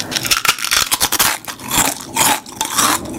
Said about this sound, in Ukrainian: Новий дизайн, той самий смак, хрумкі чипсини. Лейс, смакуй момент.